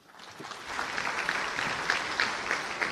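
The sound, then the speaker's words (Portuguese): Steady applause from an audience at an event in Maputo, Mozambique, thanking the city's mayor for hosting it: a dense wash of many hands clapping that swells in the first half-second and holds at an even level, with no voices rising above it. “Estas muito palmas, obrigado, doutor.”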